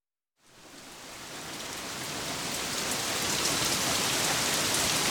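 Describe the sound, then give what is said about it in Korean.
Heavy rain pours down in a dense, steady hiss that begins abruptly after a brief silence and builds slightly in loudness, with no voices present. “그의 여름, 홍수가 영월을 덮쳤다.”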